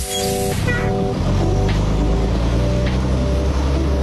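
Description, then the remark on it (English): A Wolfpack Wheels bus engine rumbles steadily and loudly, with a deep drone and a rising whine as it revs and drives along on the 2.5-hour trip between Kunsan and Osorn, and no voices. “Next stop, Osorn.”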